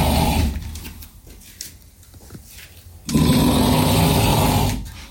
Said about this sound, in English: snoring is nothing compared to my husband's. Are we allowed to play this?